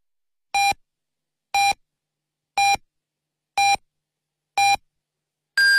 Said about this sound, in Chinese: 北京时间18点整，丽水广播电视台综合广播为您准确报时